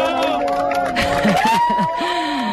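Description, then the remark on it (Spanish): A crowd at the Observatorio de Yeves cheers and applauds at the end of the totality of a solar eclipse, with rising whoops and excited voices shouting over one another in a continuous, loud burst of celebration. “Este era el momento, así hemos despedido la totalidad en el Observatorio de Yeves entre aplausos, lágrimas y abrazos.”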